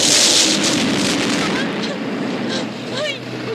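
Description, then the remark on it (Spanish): A car that has fallen down a ravine explodes on hitting the ground with a loud, roaring burst of noise that rumbles and slowly fades over several seconds, while a voice speaks faintly beneath the dying blast. “Al tocar el suelo estalla.”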